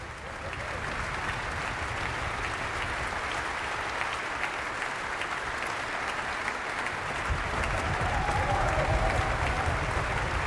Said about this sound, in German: Und Sie hören es noch einmal, steht Ernst Schlader, der Solist, im Mittelpunkt des Applauses, des Beifalls. Auch natürlich das begleitende Ensemble. Und hier ist gerade die Fagott- und Oboen-Solistin aufgestanden.